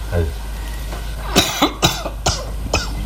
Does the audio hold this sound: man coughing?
yes